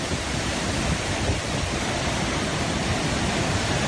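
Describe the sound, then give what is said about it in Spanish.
A steady, dense roar of rushing water from a waterfall, constant and fairly loud throughout with no pauses or voices. “Las cascadas son un destino muy concreto”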